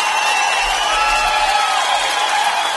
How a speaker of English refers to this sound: I did my first 10K run. I'm giving myself a big cheers and a clap there.